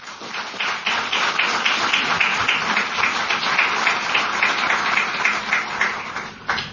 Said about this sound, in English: All right, so we're done with the award announcement, so a big round of applause for all of you.